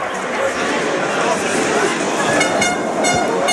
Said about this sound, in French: La sirène qui retentit.